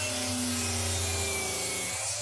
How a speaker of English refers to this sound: All right, yeah, that's a 184-millimetre circular saw cutting through some PVC pipe. Got it in one, mate! Nail on the head!